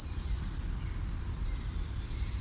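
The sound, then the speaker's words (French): A common kingfisher flying past gives a sharp, shrill whistle right at the start, followed by a faint, thin echo of the call later, over a steady low outdoor rumble. “un oiseau qui est omniprésent, c'est le martin pêcheur, qu'on voit passer régulièrement devant nous en poussant son cri strident.”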